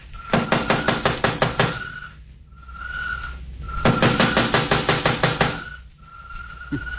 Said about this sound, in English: First time I ever heard of targets knocking on the door.